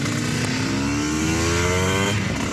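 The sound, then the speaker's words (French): A motorcycle engine, just push-started, revs up loudly and steadily, its pitch climbing over a couple of seconds before settling, with no talking. “Lors des départs, quand on poussait la moto avec tous les bruits environnants, le public, plus les 40 motos qui démarraient, on est obligé de regarder un peu le contour pour savoir si le moteur avait effectivement bien démarré.”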